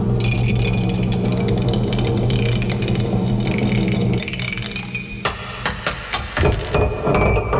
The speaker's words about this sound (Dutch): Oh. Laat ik bijna die mok vallen.